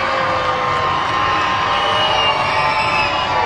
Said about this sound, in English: Yeah, this Rocket City crowd here celebrating Father's Day, trying to back their Trash Pandas in the final game of the first half.